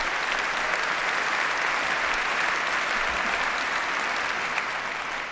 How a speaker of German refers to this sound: Das WDR Sinfonieorchester, das gehört zu den Spitzenorchestern weltweit. Und ja, es ist, und das ist auch ein Applaus wert.